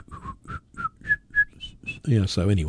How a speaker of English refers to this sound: the …, the little tune that you would always hear Foghorn Leghorn whistling in the Looney Tunes